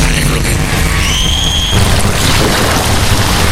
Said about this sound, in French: Fermez les yeux, vous entendez la mer, le vent tout sur la peau et les mains de Flonka qui vous offrent une vraie évasion.